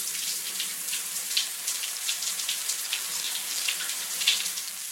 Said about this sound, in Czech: Výborně, poznali jste. Je to sprcha.